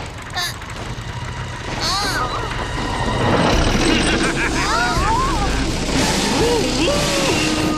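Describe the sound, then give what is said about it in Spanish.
Excavators rumble with a deep, steady engine drone that grows louder after a few seconds, while several voices call out excitedly over the machinery. “¡No hay excavadoras en este cuento!”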